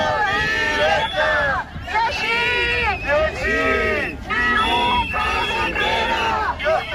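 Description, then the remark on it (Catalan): A crowd at a teachers' strike protest in Baix Llobregat and Penedès, Catalonia, with road blockades and demonstrations, shouts in loud, overlapping bursts, many voices rising and falling together in rhythmic waves of chanting and yelling, with a steady hubbub beneath. “Uns crits que no hauran arribat fins a les oïdes de Salvador Illa, de viatge oficial a Califòrnia.”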